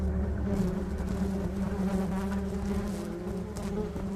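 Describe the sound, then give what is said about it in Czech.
A dense, steady drone of many bees buzzing together, a layered hum with overlapping tones that stays loud and even throughout, with no voices. “Zamišljam pola miliona pčela i pilota koji preko razglasa poručuje: "Vežite se, polećemo."”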